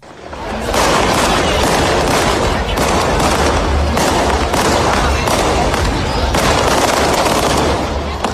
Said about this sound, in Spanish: Cohetes para anunciar una fiesta marinera, sí, y también para seguir soñando.